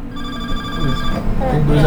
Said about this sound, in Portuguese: Agora, é o telefone